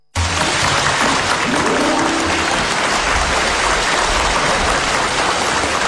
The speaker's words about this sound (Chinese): 你看咱们哥俩这一上台 大伙都给咱鼓掌， 说明大伙喜欢咱们俩。